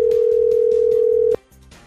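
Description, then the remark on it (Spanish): A phone line rings with no answer as a call is placed to a prize winner's number: one steady, mid-pitched ringing tone holds for over a second, then cuts off into a quiet, faintly noisy line. “¿y ahí qué pasa si no contesta?”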